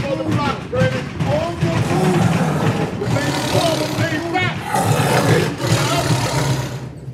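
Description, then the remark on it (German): Loud, continuous roaring and growling from a big cat in a cage, dense for several seconds, with rumbling low tones and a few rising, strained cries layered on top. “Ich besuche heute die letzte seiner verbliebenen Großkatzen zu einem Exklusivinterview und will herausfinden, wer denn hier eigentlich mit einem wilden Tier zusammengelebt hat.”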